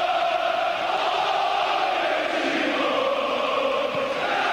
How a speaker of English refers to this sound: A very jubilant, exciting, calm crowd here.